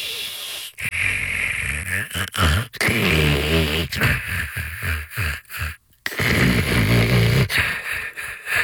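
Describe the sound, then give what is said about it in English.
Loud, rough snoring fills the stretch, a series of rasping, grunting breaths with short gaps between them, low and guttural with no other sounds alongside. “If the last 9 seconds were annoying, imagine a whole night.”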